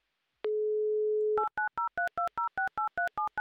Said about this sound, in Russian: Ей-то мы как раз сейчас и будем звонить. Ну и не будем оттягивать этот момент. Звоним. Давай.